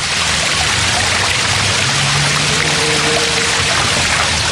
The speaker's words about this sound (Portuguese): A minha mãe ia lavar a roupa, este ribeirito aqui, embaixo, tinha umas pedras, serabentas, e a minha mãe ia para ali lavar, e eu para ali vinha brincar com a minha mãe, ia para ali lavar roupa